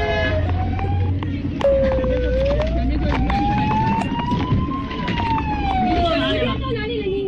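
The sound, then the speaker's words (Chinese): A police car siren wails steadily, its pitch slowly rising and falling, as police cars clear the way for an ambulance through a heavy traffic jam, over dense traffic rumble with scattered horn toots and faint voices. “现场啊，不仅是警车开道，而且呢，民警啊，个别民警还跑下了警车， 小跑啊， 你就可想而知堵成什么样了。”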